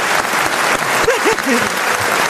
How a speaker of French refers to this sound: On peut applaudir